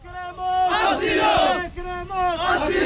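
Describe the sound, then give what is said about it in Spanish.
A crowd of people who had waited five hours in the rain at Trampolín beach shouts and chants loudly in unison, demanding asylum, voices rising in two sustained bursts with a brief dip between them, a dense, angry roar of many people. “A su disolución del dispositivo, varias de las personas que han permanecido allí 5 horas bajo la lluvia han reaccionado así.”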